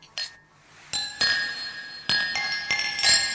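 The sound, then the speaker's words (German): Several bright glass clinks in quick succession, each ringing on with a clear tone, drinking glasses touched together for a toast, with no talking. “Für mich das Getränk. Ja, voll gut, danke. Der war echt gut. Du bist der Beste. Prost, Baby. Prost.”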